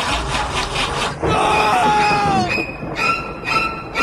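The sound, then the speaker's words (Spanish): A car engine cranks in a quick, rhythmic churn for about a second without catching, then gives way to sustained eerie tonal notes that bend and hold. “Hay algo más de terror que un auto que no enciende.”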